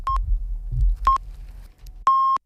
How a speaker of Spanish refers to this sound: Mira que justo con los pitidos. Maravilla.